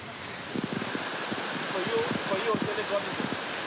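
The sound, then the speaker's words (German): Heavy tropical rain pours down on the island of Grenada in a steady, dense hiss that fills the scene, with scattered drops pattering on surfaces and indistinct voices of a party murmuring faintly underneath. “Der heftige Regen kann die Party nicht trüben im tropischen Grenada.”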